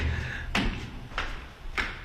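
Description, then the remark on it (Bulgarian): Three footsteps at a steady walking pace as people walk from one artist's studio to another across the way, each a short, fairly loud thud, over a constant low rumble with no voices. “Да, нашите стъпки се чуват.”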